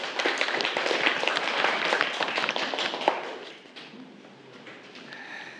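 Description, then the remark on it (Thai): A class of students claps for a classmate who gave a correct answer, a dense burst of quick, overlapping hand claps lasting about three seconds, then the applause fades out into quiet noise. “ที่เพื่อนตอบมาก็ถือว่าถูกต้องแล้วก็เก่งมากเลยครับนักเรียนปรบมือเพื่อนอีกครั้งหนึ่งครับ”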